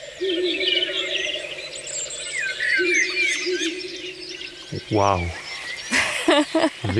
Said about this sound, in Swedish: Där var det en slagugla som ropade.